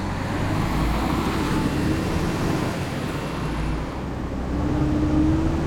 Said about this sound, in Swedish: Det är nätt och jämnt att de hinner med när Örni kör ut från brandstationen.